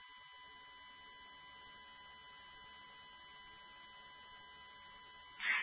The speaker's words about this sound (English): We have the vacuum going up.